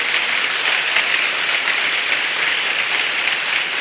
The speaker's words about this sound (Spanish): Si va a aplaudir para el Señor, dele un fuerte aplauso.